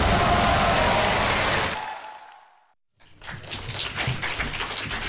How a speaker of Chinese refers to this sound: 感谢大家的掌声鼓励啊！